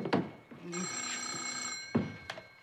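A telephone rings in one sustained, bright, buzzing tone lasting just over a second, with short noisy bursts before and after it.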